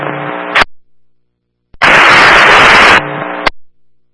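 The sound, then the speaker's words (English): A loud burst of static on a dispatch radio hisses for just over a second, framed by short buzzy radio transmissions that cut off abruptly with squelch clicks and brief silences. “We couldn't copy, all we got was static.”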